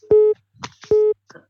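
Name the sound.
telephone busy tone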